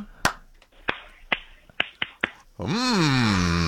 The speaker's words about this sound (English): That's not a standard clap. That's not two hands together.